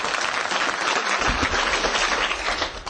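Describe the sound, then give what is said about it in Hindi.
A group of children clap loudly and steadily, a dense, continuous patter of many hands that holds strong throughout without any voices, applauding for themselves and their teacher to welcome the head of the institution at a student talent programme. “तो देर किस बात की, पहले संस्था का संस्था प्रधान के साथ साथ सभी को स्वागत करते, सभी अपने के लिए और सर जी के लिए ताली बजाओ जोर से बच्चे।”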